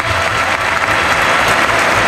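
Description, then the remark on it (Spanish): Steady, dense applause from a large crowd at a bullfight with the Peruvian matador Roca Rey, loud and sustained throughout the two seconds with no voices rising above it, the bullring audience clapping together. “Y las palmas ese a un humo, Hay ganas de triunfo.”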